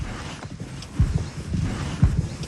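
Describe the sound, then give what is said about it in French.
A horse's hooves clop at a slow, steady walking pace as it is brought back from the field, with distinct low thuds roughly every second over a soft outdoor background. “Lune, on l'a ramenée du champ, et tu vas pouvoir commencer à faire ce qu'on appelle le pansage”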